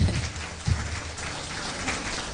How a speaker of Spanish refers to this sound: Denle un aplauso que vive y permanece por los siglos de los siglos.